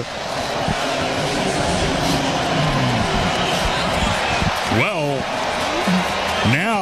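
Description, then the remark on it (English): A baseball crowd roars steadily after Contreras's 15th home run of the year puts Boston on the board at 4-1, a loud, unbroken wall of cheering with a few rising whoops and shouts cutting through near the end. “They didn't need a reason to be loud or cheering earlier. Now they've been given one.”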